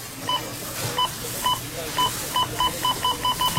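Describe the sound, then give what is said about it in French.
A checkout register at a Rona store beeps repeatedly, about a dozen short electronic tones that start spaced out and then come faster and closer together, clear over a low background murmur. “Tu sais que c'est la semaine Rona quand t'entends ça à la caisse.”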